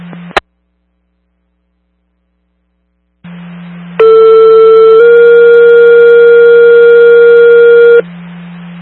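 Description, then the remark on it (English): A fire dispatch pager alert cancelling a call for Engine 1 and the 41 tanker, at McWiff Public Safety's request: a loud, steady electronic tone holds for about a second, then shifts straight into a second long, sustained tone, over a low radio hum after a click and brief silence. “if you could cancel with tones, be available.”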